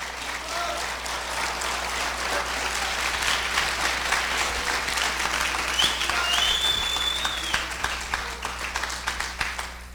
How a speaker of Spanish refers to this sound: por eso hermano, gracias por los aplausos a Cristo Jesús.